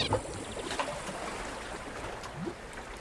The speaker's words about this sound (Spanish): Pero vamos a seguir viajando, porque por suerte hay parques nacionales donde el sonido del agua nunca desaparece, aunque sea salada.